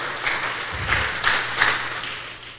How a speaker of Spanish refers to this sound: Denle la gloria a Dios, denle un fuerte aplauso para que se despierten los que estén dormidos también.